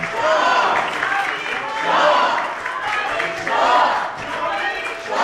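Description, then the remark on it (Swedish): Sustained applause as members of the Swedish Riksdag stand and applaud Crown Prince Reza Pahlavi, a dense continuous patter of many hands, swelling loudly in waves about every one and a half seconds, with some in the audience shouting "Javid Shah" mixed into the clapping. “Nu reser sig alla riksdagsmöter upp och applåderar de som är här.”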